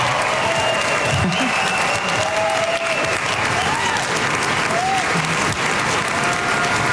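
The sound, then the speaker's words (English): A crowd applauds steadily as a former hostage walks out onto the stage, a dense, loud wash of clapping that holds for the whole stretch, with faint voices and murmurs threaded through it. “I like that round of applause he's getting there.”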